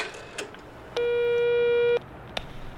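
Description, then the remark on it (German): A single steady ringback tone, about a second long, sounds thinly through a telephone receiver held so others can listen in, on a call to a taxi company, framed by faint clicks and line hiss, with no one speaking. “Ich halte den Hörer so, dass ihr mithören könnt.”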